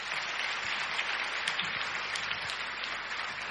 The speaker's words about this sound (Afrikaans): Kom ons klap vir hulle hande saam.